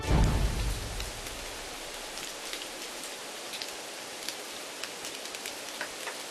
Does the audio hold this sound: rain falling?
yes